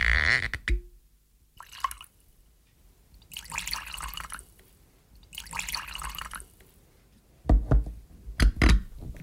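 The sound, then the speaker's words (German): Whisky is poured into glasses in two separate splashing streams, each lasting a second or so, followed by a few solid knocks as glasses are set down on a table. No one speaks. “Noch einmal gemeinsam einen Whisky trinken?”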